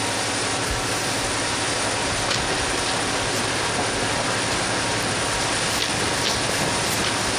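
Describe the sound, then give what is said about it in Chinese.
A train rolls along with a steady, loud, dense rumble and rattling clatter throughout, then comes to a stop, with no voices. “哎，长官，车怎么停了？ 前面火车撞鬼。”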